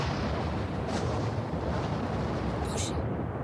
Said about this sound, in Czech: Zimní bouřka. To nevěstí nic dobrého.